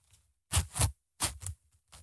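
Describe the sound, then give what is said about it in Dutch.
A suitcase zipper is tugged back and forth in short, rasping bursts, mostly in quick pairs, fairly loud, with a fainter pull at the end and no talking. “Hier, wacht, ik pak die rits nog een keer bij.”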